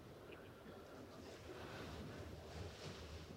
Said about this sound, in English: Yes, you're hearing waves.